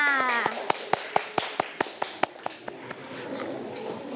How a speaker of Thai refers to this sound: เก่งมากค่ะเอาละค่ะเด็กๆทุกคนปรบมือให้เพื่อนๆค่ะ